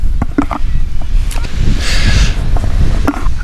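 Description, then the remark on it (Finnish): Steady wind blows and buffets the microphone outdoors at a beach on a windy, sunny day under a cloudless sky, a continuous low rumble with a brief hissy gust in the middle and a few faint knocks. “Nyt aika tuulinen keli ja ehkä sen takia vähemmän ihmisiä rannalla, mutta tämä saattaa olla vähän semmoinen petollinenkin keli, että aurinko paistaa silti pilvettömältä taivaalta.”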